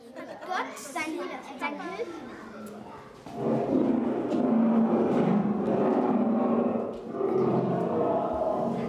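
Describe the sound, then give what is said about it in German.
Deep, sustained lion roars play in a children's museum exhibition staging the biblical lions' den scene, after a few seconds of a school class's chatter. The roars rumble loudly and continuously, with a brief dip before swelling again. “Ich finde das so cool, dass man einfach reingeht, dann hört man das Gebrüll und dann weiß man, wie er sich so teilweise gefühlt hat.”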